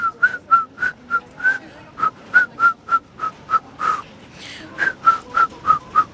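A girl whistles a lively melody with short, clear repeated notes in a steady rhythm, close and fairly loud, with faint street ambience underneath and no talking.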